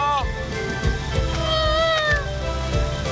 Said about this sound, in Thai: อะไรเนี่ยฝนนี ่ตกแล้วฝนตกแล้ว ในหลวงเสกฝนได้จริงๆ